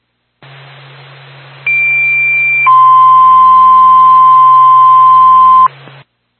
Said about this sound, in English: Stand by for tone.